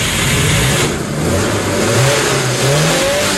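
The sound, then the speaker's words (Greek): A loud engine revs continuously, its pitch rising and falling in repeated surges over a steady mechanical roar, with no voices present. “Είδες η μηχανή. Φυσάει.”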